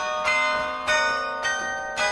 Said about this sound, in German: Seit letztem Winter spielt er das Carillon, also Glockenspiel, in der Kasseler Karlskirche. Immer wenn er keine Schule hat, steigt er hoch hinauf in den Glockenturm.